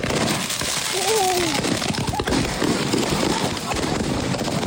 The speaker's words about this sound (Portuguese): E aí? Já jogou. Já tá tudo dentro da fogueira. Vai começar a explodir.